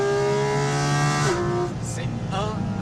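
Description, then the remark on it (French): A loud, high-revving naturally aspirated GT4 RS car engine holds a strong buzzing tone, then drops abruptly in pitch at a gear change and pulls again, its harmonics climbing. Brief bursts of voices come in over it. “Ouais, comme c'est un Atmo, t'entends le changement de tonalité, c'est juste...”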